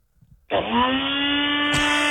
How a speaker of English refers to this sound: What do you got there? Nutribullet? Yeah, that's the one. Oh, I got the very same. I hear it every morning.